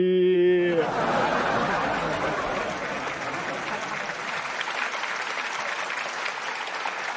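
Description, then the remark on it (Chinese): A brief sung or held tonal note opens, then sustained applause from a theater audience at Qunyinghui fills the rest, dense steady clapping with some scattered laughter mixed in, fairly loud throughout. “这唱的什么玩意儿，还给鼓掌了还？”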